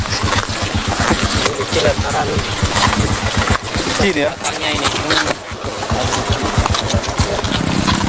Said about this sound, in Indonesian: Tanah liat berbatu bercampur lumpur bekas diguyur hujan. Sejauh 12 km harus kami lalui dengan motor trail rakitan milik petugas